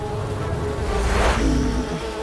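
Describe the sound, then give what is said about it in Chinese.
A dense swarm of bees from a hive buzzes steadily and loudly, the droning hum swelling slightly in the middle before settling, with no voices present, as the bees are lured away. “我的老天爷呀，蜜蜂被引开了， 交给我吧。”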